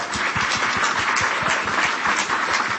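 A crowd applauds two women on stage steadily, many hands clapping at once in a dense, continuous patter that stays loud and even throughout, with no voices rising above it.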